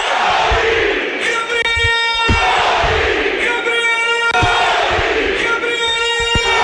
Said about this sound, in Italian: L'esplosione della curva sud ve la lascio immaginare, facciamo fatica a sentire la nostra voce quando la curva sud urla Gori.